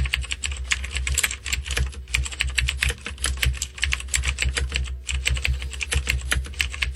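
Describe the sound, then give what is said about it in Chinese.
Rapid, continuous clicking of keys on a computer keyboard, fairly loud, with a brief pause near the middle before the typing resumes. A low hum sits underneath and no one speaks. “一字不差，就是键盘打字声。”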